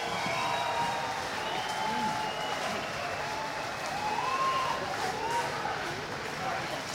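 A crowd breaks into sustained applause for a band after their performance, a dense, steady clatter of clapping with scattered cheers and shouts mixed in, holding at an even loudness throughout.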